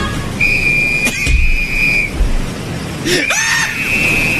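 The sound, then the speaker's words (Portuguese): Two long, shrill blasts on a life-jacket whistle, the first lasting over a second and the second starting after a short gap. Both are loud, with no talking. “Ah, o colete salva-vida, pega o apito.”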